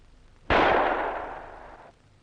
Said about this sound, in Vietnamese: Hôm trước em đã chỉ qua cho chị cách cầm súng và ngắm mục tiêu. Bây giờ chị có thế mà bắn.